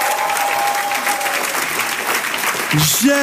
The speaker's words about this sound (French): Alors que tous ceux ce soir qui pensent qu'ils ont rendez-vous avec l'histoire applaudissent le roi des rois.